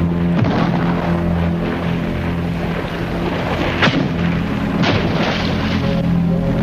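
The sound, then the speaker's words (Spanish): Heavy cannon booms go off one at a time, three sharp blasts spaced irregularly over a loud, steady low rumble, with no voices. “Se va a llevar un buen susto cuando reciba su salva de 23 cañonazos de verdad.”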